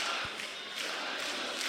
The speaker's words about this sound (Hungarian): Na most lebuktam, hogy hol vettem fel ezt a közönségovációt.